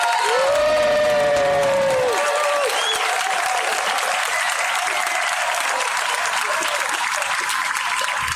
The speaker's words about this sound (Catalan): Doncs ara, Cercle Sàfic va llegir el seu manifest. Un aplaudiment.